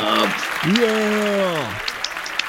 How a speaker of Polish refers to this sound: i tutaj jakieś brawa, oklaski, gdzie ja mam oklaski, proszę bardzo.